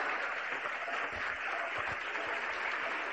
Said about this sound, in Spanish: Gloria a Dios, aleluya. Más contentos los aplausos para el Señor Jesús.